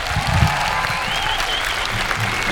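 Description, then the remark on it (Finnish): A crowd applauds loudly and steadily, a dense wash of clapping from many hands that fills the whole stretch without pause, with no one speaking over it. “Antakaa myös iso käsi teille, te olette aivan upea yleisö.”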